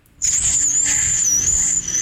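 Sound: human whistle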